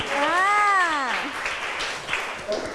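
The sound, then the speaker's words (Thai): A group of schoolchildren applauds a classmate in steady, dense applause that fills the whole moment, opening with a voice calling out in a rising and falling whoop over the clapping. “โอ้โหคมมากเด็กๆปรบมือให้เพื่อนหน่อย”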